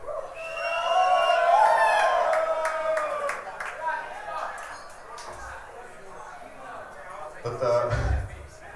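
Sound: concert crowd shouting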